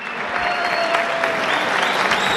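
Loud, sustained applause from a crowd of guests at the Te Invito a Cenar Christmas dinner, held in a restaurant that is usually a wedding hall, with more than 1000 guests; dense clapping continues evenly throughout with no pauses.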